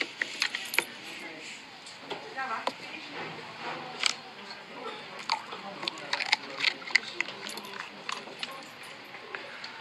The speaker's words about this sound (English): Now we have to do the all-important crunch test on the pork scratchings.